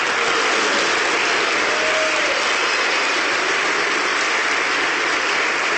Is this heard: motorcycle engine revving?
no